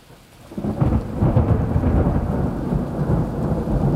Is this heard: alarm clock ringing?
no